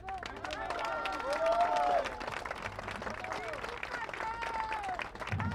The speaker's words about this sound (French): Un tonnerre d'applaudissements pour Chen.